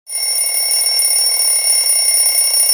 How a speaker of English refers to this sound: Oh, hello. Good morning. It's a good job I remembered to set the alarm clock.